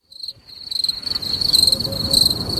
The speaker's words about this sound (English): Wow. I'll tell you, the crickets are lovely.